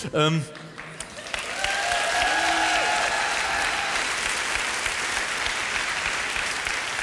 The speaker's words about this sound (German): Viel Applaus, ein Buh.